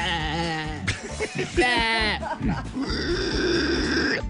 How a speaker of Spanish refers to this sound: Ahí sonó la vaca